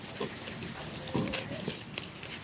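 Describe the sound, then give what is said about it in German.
Two warthogs, Salami and Poloni, grunting on a farm as they are being fed: a few short, low, rough grunts scattered over a steady hiss of background noise, with one slightly louder burst midway through. “Die Warzenschweine Salami und Poloni sind Elkes absolute Lieblinge geworden.”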